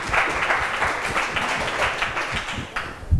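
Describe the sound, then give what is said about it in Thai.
A group of students in a classroom applauds a group of classmates after their work is evaluated, a dense, steady patter of many hands clapping that runs for about three seconds at moderate loudness, with no one speaking over it. “ปรบมือให้เพื่อนกลุ่มซ”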